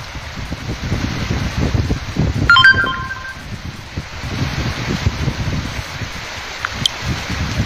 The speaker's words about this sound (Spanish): Se desbordó un canal arriba. Estamos sufriendo las consecuencias los que estamos por aquí viviendo.